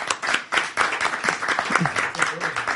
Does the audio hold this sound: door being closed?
no